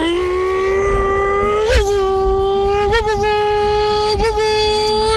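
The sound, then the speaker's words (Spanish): A person imitates a roaring car engine with a loud, continuous buzzing drone that holds steady for several seconds, broken by three quick pitch jumps like gear shifts. “fuera un motor de coche, sonaría así.”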